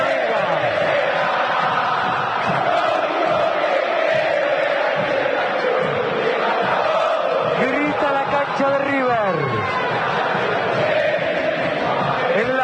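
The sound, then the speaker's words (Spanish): A huge football stadium crowd at the Estadio Monumental roars and chants continuously during a River Plate match as River is awarded a free kick, a dense wall of shouting voices with rising and falling swells, loud and sustained throughout without any single voice standing out. “También se grita en el Estadio Monumental.”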